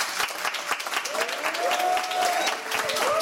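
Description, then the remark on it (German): An audience at a live Radio 1 broadcast in Studio 1 at Bikini Berlin, with full seating, applauds with dense, steady clapping that fills the whole moment at a strong level, with a few rising whoops or cheers riding on top. “Die Ränge sind voll, man kann es hören.”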